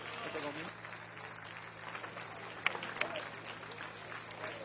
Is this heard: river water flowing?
no